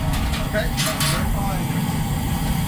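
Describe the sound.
Propane burners fire up under a big open-air roof just outside the back door of the Shore Club kitchen, roaring steadily with a continuous low rumble and a brief hissing surge near the start, while indistinct voices murmur faintly in the background.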